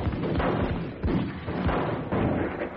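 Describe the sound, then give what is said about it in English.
A rapid volley of loud, booming gunshots fired at a telephone in quick succession, each heavy thud blurring into the next with a dense, rumbling echo throughout. No one speaks. “Yeah, I'm going to get me a gun. I'm going to blow this phone away.”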